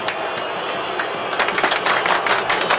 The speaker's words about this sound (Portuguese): Como só tem torcedor do São Paulo aqui, deixa eu aplaudir, vai.